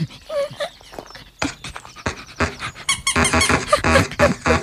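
A dog playing with a child gives high, squeaky whines, then breaks into a rapid run of excited barks and yips that grows louder toward the end. No one speaks.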